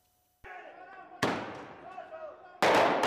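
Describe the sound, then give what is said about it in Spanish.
Sharp, loud blasts ring out in a street of La Paz, Bolivia, during protests, two sudden booms about a second and a half apart, each trailing off with echoes over a background of crowd noise. “Explosiones en las calles de La Paz, sede del gobierno boliviano.”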